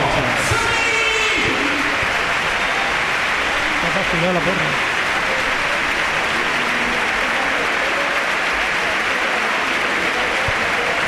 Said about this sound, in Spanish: Se marcha Yassir Zaviri. Y vamos a oír la ovación, ¿no? Madre mía, Vicente.